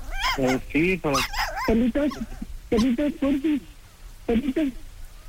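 A dog yelps and whimpers through a tinny phone line, in several bursts of short, high, wavering whines and barks separated by brief pauses.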